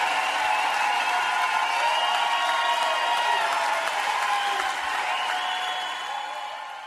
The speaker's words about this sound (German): Applaus, Applaus.